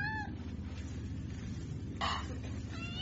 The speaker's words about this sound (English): Do you know what you get for smuggling a cat on board?